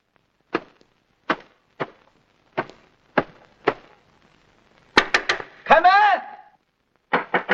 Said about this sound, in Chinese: 来了来了来了，是哪个挨刀的敲门敲得这么凶？